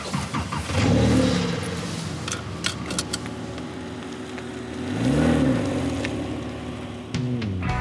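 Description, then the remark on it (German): A Porsche sports car engine revs up and down twice as the car accelerates, its throaty pitch swelling and falling away, with a steady mechanical hum beneath and no voices. “Er fährt sich einfach schön, der Motor klingt toll und dann bringt das auch richtig Spaß, ein bisschen Gas zu geben.”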